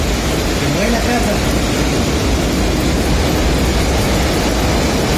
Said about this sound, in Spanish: Mira, a propósito del registro, lo que escuchamos, lo que usted escucha ahí, es un fuerte viento, fuerte lluvia en Los Queques.